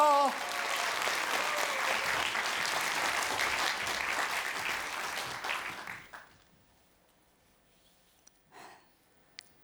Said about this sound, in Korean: 네, 여러분, 어려운 시대 국악을 지켜주신 분입니다. 다시 한번 큰 박수 부탁드립니다.